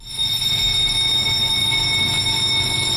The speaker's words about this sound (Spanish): Esta es la alarma. Esta es la alarma que marca la hora a la que empieza la reunión de primera en el país, que es la reunión en la que se decide de qué temas va el periódico en la portada del día siguiente.